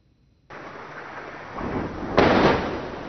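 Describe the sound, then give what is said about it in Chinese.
A large explosion from an Israeli airstrike on Nabatieh in southern Lebanon booms in the distance, its heavy rumbling roar swelling and building to a louder blast before rolling on, with no voices present. “在黎巴嫩南部奈拜提耶，随着巨大爆炸声传出，远处升起滚滚浓烟。”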